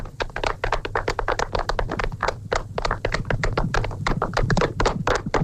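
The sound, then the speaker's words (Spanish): A crowd applauds steadily, many hands clapping in a dense, continuous patter of sharp claps that stays at an even, lively level throughout, with no voices. “¡Un aplauso para Emperador!”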